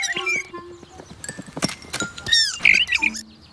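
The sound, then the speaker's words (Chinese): A small bird chirps in quick, bright bursts, a cluster of short rising tweets, fairly loud and irregular, with some clattering noises mixed in. “啊，你好呀，小鸟。”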